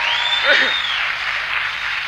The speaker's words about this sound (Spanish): Fuerte el aplauso.